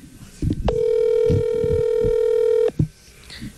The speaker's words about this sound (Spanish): Ahí le está marcando, Vamos a ver si contesta.